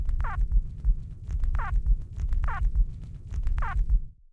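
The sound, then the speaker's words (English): Four short, high, squeaky nestling calls, produced only during emergence from a subterranean nest, repeat about once a second, each a quick wavering squawk, over a steady low throbbing rumble that runs underneath throughout. “This vocalization was also produced only during nest emergence, and it sounds a little bit like a squawk or a squeak or a squibble.”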